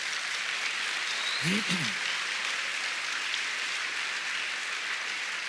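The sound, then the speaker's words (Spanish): An audience claps for the Lord in a steady, dense wash of applause that holds evenly throughout, with a brief vocal exclamation rising out of it partway through. “Dele palmas al Señor.”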